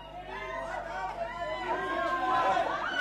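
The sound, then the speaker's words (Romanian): A dense, threatening crowd of gathered people clamors with overlapping voices, a steady roar of agitated shouting and booing that swells slightly over a few seconds, with no single voice standing out. “Ce se aude? Strigăte? Huiduieli? Mulțime de oameni s-au strâns și ne întâmpină amenințătoare.”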